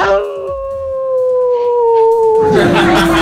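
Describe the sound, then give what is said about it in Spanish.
A dog lets out one long, sustained howl, steady and wolf-like, fairly loud, ending with a rougher, noisier burst. “Se cree lobo.”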